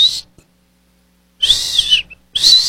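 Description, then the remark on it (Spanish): Someone whistles in three shrill, high bursts: a short one, then after a pause a longer wavering one, and another starting at the end. No talking. “Era Maduro que estaba chiflando ahí de...”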